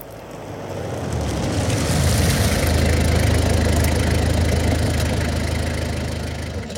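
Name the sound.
truck engine idling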